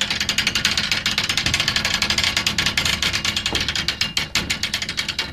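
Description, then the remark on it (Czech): A steady, rapid ratcheting clatter of the wooden gears and pawl of an old, half-ruined sawmill on the shore of a pond in South Bohemia, dense regular clicks repeating several times a second without pause, with a low rumbling undertone and no voices. “To bylo před 3 roky, kdy jsme stáli v polorozpadlých troskách staré Pily na břehu jihočeského rybníka, vyluzovali na starodávném zařízení jediný možný zvuk”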